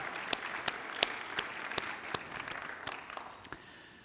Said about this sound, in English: Let's give her a nice round of applause.